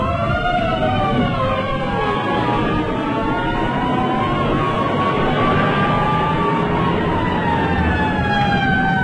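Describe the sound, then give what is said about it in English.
Several fire engine sirens wail and howl at once at night, their overlapping tones rising and falling steadily over a heavy, continuous roar of engines and traffic, loud throughout. “The ambulances, or the screech and roar and howl in the night of the fire engines.”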